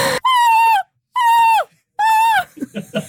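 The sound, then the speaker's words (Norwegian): A TV presenter in an NRK news studio imitates a seagull's scream with three long, shrill, nasal cries, each held steady and then dropping in pitch at the end, followed by a moment of talking. “Visste du at det finnes et Europamesterskap I måkeskrik?”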